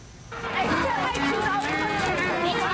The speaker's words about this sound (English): Hundreds of kids pour into RE/MAX Field, ditching their classrooms for the ballpark. Controlled mayhem, but for all the right reasons.